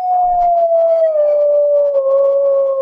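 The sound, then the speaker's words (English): A sustained, wavering howl slowly sliding downward in pitch, loud, carrying on steadily for about three seconds with faint overlapping cries behind it; coyotes howling, no talking. “And those are coyotes.”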